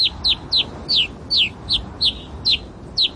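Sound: rosy finch calls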